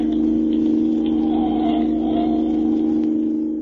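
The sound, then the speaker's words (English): A steady, loud engine drone with a strong low hum and road rumble as a car cruises at high speed along a desert highway, leaving a following car behind, continuous throughout with no voices. “Leaving it behind like it was standing still.”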